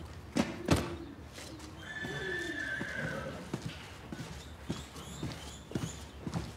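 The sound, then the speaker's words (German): A horse whinnies with a rising, quavering call midway, while hooves clop irregularly on a hard surface, with sharp knocks at the start and scattered steps throughout. “Du denkst keine Schweinereien, weil du ein Pferd bist.”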